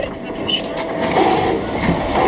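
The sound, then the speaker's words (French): Fuel rushes from a pump nozzle into a car's tank at a service station in Sauternes as a steady, even hiss and rumble that holds at a constant level throughout, with faint voices mixed in underneath. “Et le carburant coule enfin dans le réservoir.”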